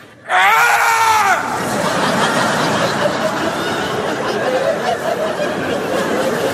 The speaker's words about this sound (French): Une fois que je me sens prêt... Prêt. Là, je crie, comme ça, je fais...